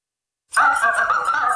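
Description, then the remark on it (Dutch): After a short silence, a small helper robot lets out a loud, warbling chirp, a steady burbling stream of bright electronic tones that wobble rapidly in pitch, with no voices. “Wat onhandig om een hulprobot te hebben die dan eigenlijk zelf gehandicapt is.”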